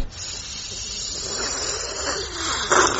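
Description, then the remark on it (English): Noisy slurping while drinking, a steady airy hiss-like suck lasting about three seconds with a louder surge near the end, and no voices. “She makes this sound every time she drinks.”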